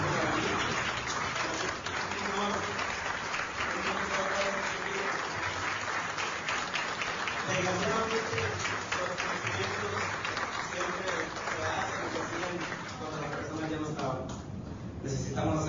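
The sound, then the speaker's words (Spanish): A crowd at a municipal event in Sabinas, Coahuila, applauds people steadily for about fifteen seconds, a dense, continuous clapping that stays loud throughout, with voices calling out and talking underneath. “Me voy a parar, creo que vamos a dar un aplauso a estas personas que me arrancaron de ellos.”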